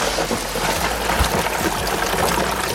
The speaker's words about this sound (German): Wenn das hilft, gell, dann für euch heute, für alle die kalte Dusche. Kommt Wasser rein.